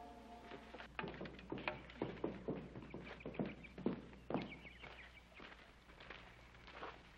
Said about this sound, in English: Adam's horse just came in. Adam's horse? Yes, sir. He's still got the saddle on him.